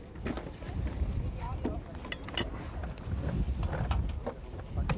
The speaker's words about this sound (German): Hey, das ist aber auch ein Wind hier, ne? Ekelhaft. Ist ein bisschen. Ist frisch,